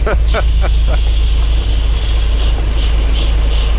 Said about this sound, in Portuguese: É só isso? É só isso. Chuva? É o som. Obrigado. Da chuva na boleia do nosso ouvinte.